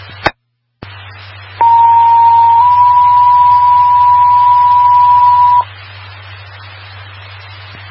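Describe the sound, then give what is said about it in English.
Over a hiss of radio static, a squelch click opens the channel and a loud, steady dispatch paging tone sounds for about four seconds, shifting pitch slightly partway through, before cutting back to static; Lamoille Fire and ambulance dispatch on WPTV 690. “attention, Lamoille Fire, Lamoille Fire, disregard the tones, timeout 2022 WPTV 690”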